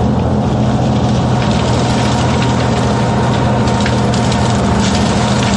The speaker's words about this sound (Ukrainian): Ось на цьому запису панцерник 153-ї бригади продирається крізь хащі на бойову позицію.